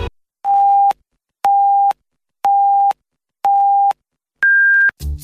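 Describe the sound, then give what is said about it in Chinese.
The hourly time signal of Huairou People's Radio Station marking 18:00 Beijing time: four identical steady beeps, one per second, followed by a final higher-pitched beep marking the hour, loud and clear with silence between them. “北京时间18点整。”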